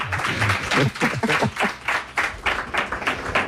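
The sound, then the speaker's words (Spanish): A burst of applause, steady rapid clapping from a group lasting a few seconds, with some voices calling out early on. “Bueno, un aplauso.”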